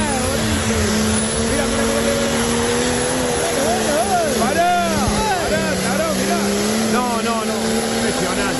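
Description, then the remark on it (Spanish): A heavy diesel turbo vehicle engine roars as it accelerates over a short run of about 50 metres, pouring out a lot of smoke, holding a steady, throaty drone with a thin high whine riding on top, while voices talk briefly over it. “que tira humo porque es diésel y turbo”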